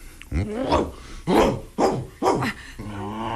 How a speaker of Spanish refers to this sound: Tranquilo, tranquilo. Perrito, perrito. No te voy a hacer nada. Tranquilo, tranquilo. ¡Quieto, veneno! ¡Estate en paz, perro, caramba! ¿No ves que espantas a la señorita?